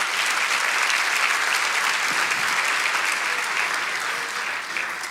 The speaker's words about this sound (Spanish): Vamos, si lo crees, dale ese aplauso al Señor.